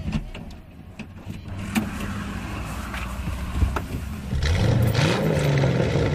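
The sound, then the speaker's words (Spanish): A car engine turns over and catches, idling with a steady rumble before the revs climb into a rising, louder whine near the end. No one speaks. “Y arrancamos.”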